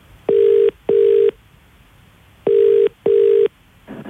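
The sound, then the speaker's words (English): Telephone tones over a phone line as the Gold Central Victoria radio station calls the winner of Meat Tray Friday: two sets of steady, buzzing double beeps separated by a short pause, loud, with no one talking. “Let's call the winner of Meat Tray Friday.”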